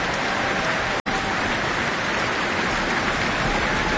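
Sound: concert audience applause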